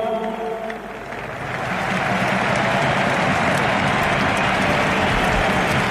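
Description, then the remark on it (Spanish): A large stadium crowd at Camp Nou applauds Robert Lewandowski during his farewell, with Polish flags, in a dense, continuous wash of clapping that swells after the first second and holds steady and loud, with a faint murmur of voices underneath. “Emocionado Robert Lewandowski, la gente aplaude en el Camp Nou, banderas de Polonia, sigue hablando Lewandowski.”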